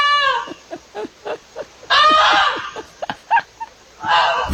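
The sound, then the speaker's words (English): A goose honks loudly: a harsh opening call, a string of short clipped honks, a long drawn-out blare in the middle, then more honks and a final brassy call. “I just really want to hear the goose again.”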